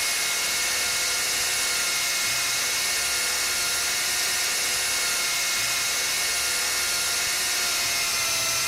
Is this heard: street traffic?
no